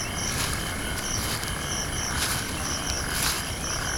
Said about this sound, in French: Je marche dans les herbes de la savane sud-africaine. J'entends des grillons et des rapaces nocturnes.